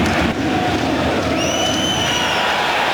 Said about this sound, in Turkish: Faul beklentimiz var evet. Faul düdüğü geldi. Maçın hakemi elini cebine attı ve evet. Sarı kart.